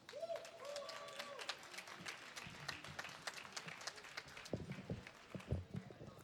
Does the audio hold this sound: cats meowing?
no